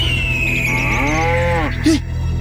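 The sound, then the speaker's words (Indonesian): A cow lets out one drawn-out, low moo that sags slightly in pitch before cutting off, over a constant low background rumble, with a thin high tone gliding downward just before it. “Kau bersuara lagi. Nggak lama kau dimakan sama itu burung raksasa.”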